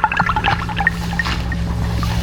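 Water drips in quick, bright plinks, a rapid cluster at first and then sparser, scattered drops, all over a steady low hum, with no voices.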